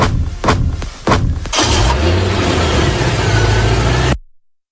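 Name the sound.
car engine running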